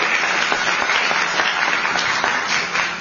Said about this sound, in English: Change requires adaptation, and competent adaptation, not willy-nilly adaptation, relies on real leadership, and that's what the governor gives us. And she deserves a round of applause for a day like today.